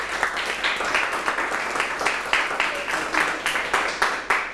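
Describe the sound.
A group claps together in a steady, dense burst of applause lasting several seconds, with faint voices mixed underneath.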